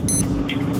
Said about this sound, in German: Ja, aber so klingt doch dein Wecker, oder nicht? Eher so wie der erste. Ich glaube, beim zweiten, da wäre der schon mehrmals aus dem Fenster geflogen.